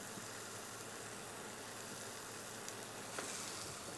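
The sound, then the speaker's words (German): Steady, dense sizzling of cheese topping frying in a pan like small chips, a continuous crackling hiss with a couple of faint pops, and no one speaking. “Wie so bei kleinen Chips kannst du das auch hier einfach in der Pfanne machen.”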